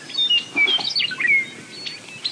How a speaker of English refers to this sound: It's a clear May morning on the plains of eastern Montana. The dawn chorus of birds welcomes the sun as it crests over hills of waving bunch grass. You can't turn in any direction here without seeing a meadowlark singing atop a shrub or fence post.